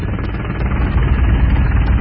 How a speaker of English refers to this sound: And there's a million helicopters flying around there, too. They're all there.